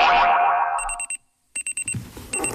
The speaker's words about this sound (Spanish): El despertador.